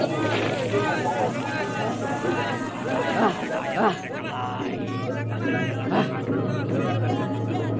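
A dense crowd of spectators murmurs and chatters as they disperse after a fight, many overlapping voices forming a steady hubbub with no single speaker standing out, continuous throughout.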